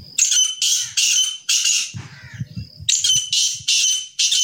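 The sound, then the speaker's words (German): A grey partridge gives harsh, rasping calls in a steady series of about seven loud bursts, with a short low rumbling patch in the middle and no talking. “Das Rebhuhn war früher eine ganz gewöhnliche Vogelart in der slowakischen Natur.”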